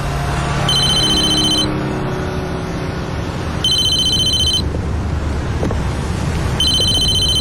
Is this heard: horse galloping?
no